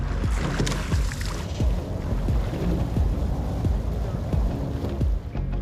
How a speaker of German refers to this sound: Ich ruder dreimal die Woche im Boot. In Hamburg auf der Alster. Das ist ein wunderbarer Sport. Also auf dem Wasser zu sein und zu rudern.